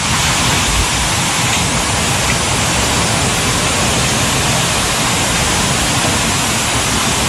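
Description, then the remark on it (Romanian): Torrential rain pours down in Timiș County, Romania, in a loud, steady roar, a dense unbroken hiss with no pauses that fills the whole stretch, intense, with no voices. “A plouat torențial și în județul Timiș.”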